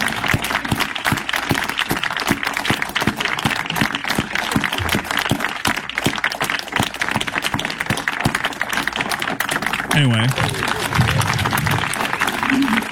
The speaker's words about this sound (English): Oh, sorry, I need to rewind it. They clap for a little while. Here we go.